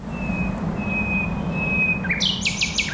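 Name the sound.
common nightingale singing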